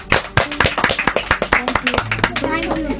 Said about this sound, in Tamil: Super, எல்லாரும் கைத்தட்டிடலாமா?